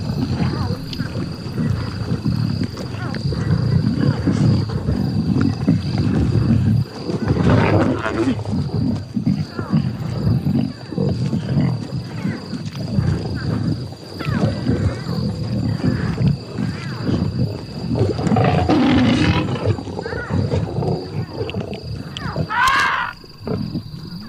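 A pride of lions roars at night, upsetting an elephant herd: a steady, rumbling low-pitched chorus of growls and roars that continues throughout, with occasional higher-pitched yelps rising above the din.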